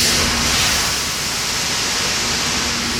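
A steady, dense rushing hiss of peas pouring out of a tractor's load at the Sandesund grain silo in Sarpsborg, continuous and even throughout, with a faint low hum running underneath and no voices.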